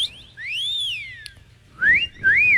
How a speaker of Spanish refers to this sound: Yo también silbo.